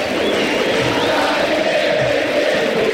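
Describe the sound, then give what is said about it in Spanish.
A stadium crowd of Independiente football fans shouts together as the Independiente and San Lorenzo teams line up at midfield for the greeting, a dense, steady roar that holds at full loudness for the whole three seconds, with no single voice standing out. “Así grita la gente del rojo, de remera, de siempre, en la mitad de la cancha para el saludo histórico, levantando los brazos para los cuatro costados, Rey y compañía, San Lorenzo que ya está en fila para el saludo protocolar.”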